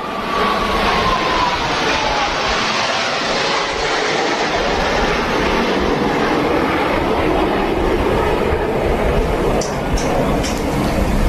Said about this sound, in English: but the planes flying overhead, and I'll stop yammering here for a moment as we watch those planes fly by. This is pretty amazing, just how low they are to the water. You can hear the crowds cheering as well.